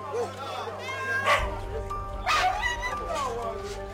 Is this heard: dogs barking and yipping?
yes